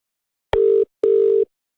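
A telephone rings with two short, steady electronic pulses in quick succession, like a double ring heard down the line, clear and fairly loud, then silence.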